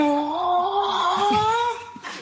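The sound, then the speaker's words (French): ChatGPT, on request, imitates a cow with a panting cry, as if the cow were out of breath: a drawn-out, wavering moo that rises slightly in pitch, strained and breathy, ending in a short gasp. “Salut ChatGPT, est-ce que tu peux imiter le bruit d'une vache en faisant un cri haletant comme si la vache était à bout de souffle?”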